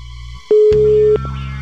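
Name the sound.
telephone dial tone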